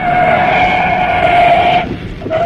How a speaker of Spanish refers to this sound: Enfilaba el auto a toda velocidad por la carretera rumbo a Liverpool.